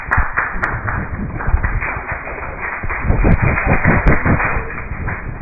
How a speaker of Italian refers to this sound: È finito il dibattito, movimenti di sedie, casino